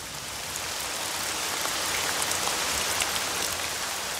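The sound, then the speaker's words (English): Steady rain patters down on a surface, a dense, continuous hiss of countless drops with occasional brighter taps, even in loudness throughout, with no voices. “When it rains, the plant hairs of the time-leaved sandwort reveal their purpose.”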